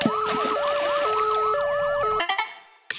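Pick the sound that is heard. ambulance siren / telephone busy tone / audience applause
ambulance siren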